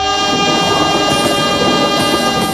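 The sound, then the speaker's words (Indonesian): A train rumbles past, loud and steady, with a sustained horn-like tonal blare riding over the rolling clatter of the cars, while people wait for it to pass. No voices are heard. “Kesabaran teruji saat menunggu kereta api melintas.”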